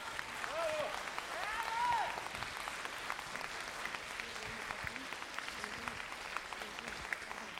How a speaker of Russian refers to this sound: Спасибо за такие аплодисменты добрые.